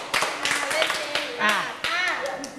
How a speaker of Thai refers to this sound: ปรบมือ5ครั้งปรบมือกว่านี้ปรบมาอีกทีไม่ดีเลย